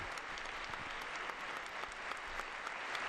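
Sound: long applause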